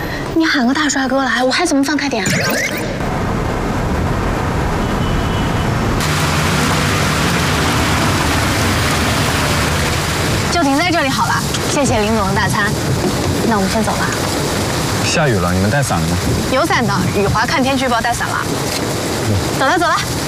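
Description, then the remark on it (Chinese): Steady rain hisses throughout, a dense, even patter that stays constant in the background while several people talk over it in the second half. “下雨了，你们带伞了吗？”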